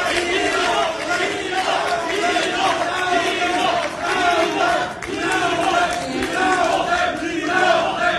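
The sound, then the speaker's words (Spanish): A crowd of protesters, supporters of defeated aspirants for Quintana Roo and Zacatecas, shouts "fraude" (fraud) and chants together at candidate announcements, a loud, steady roar of many voices that swells and dips slightly, with a few surges of louder yelling throughout. “El primero cuando simpatizantes de los aspirantes derrotados de Rafael Marín Mollinedo para Quintana Roo y de Ulises Mejía Haro y José Narro Céspedes a Zacatecas protestaron gritando fraude.”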